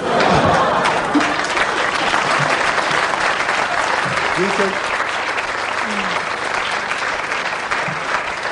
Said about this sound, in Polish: Ja w państwa oklaskach wyczuwam pewien podtekst niewiary, a mój dramat polega na tym, że mi się to wszystko naprawdę przytrafia i z tym ja muszę żyć niestety.